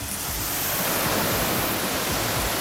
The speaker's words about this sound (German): hat im Gehege der Alpakas den Wasserschlauch schon in der Hand. Na dann, kann losgehen. Okay, dann machen wir Wassermarsch.